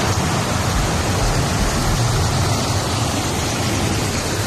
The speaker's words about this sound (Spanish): Es el sonido de la lluvia, esperado, porque hemos hablado de sequía, pero claro, es que se han convertido las calles, por ejemplo, de Sant Joan les Fonts, en Girona, en ríos de agua y hielo.